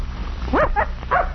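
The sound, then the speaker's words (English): A young tracking-dog puppy, out on a scent trail for the first time, yaps three times in quick succession while sniffing, short high-pitched yips with a whiny rise and fall, over a faint background hum. “Here you are, puppy. Come on now, sniff again.”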